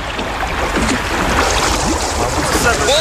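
A small boat carrying passengers sets off through water on a difficult journey, with steady splashing and sloshing and a constant wash of noise, plus faint voices or calls in the background.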